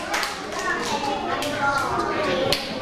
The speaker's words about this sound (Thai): เก่งมากเลยขอเสียงปรบมือให้กับเพื่อนกลุ่มที่2ด้วยค่ะ